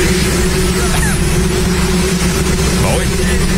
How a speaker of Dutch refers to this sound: Heel ver weg hoor je hem wel. Gewoon niet te verstaan. Je helemaal niet. Alleen de helikopters was gewoon niks van te horen.